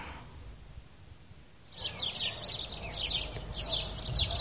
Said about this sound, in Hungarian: Csirip-csirip. Milyen szokatlanul éles hangon énekelnek ezek a város végi verebek, amelyek még nem tanulták meg a városi illedelmes hangot.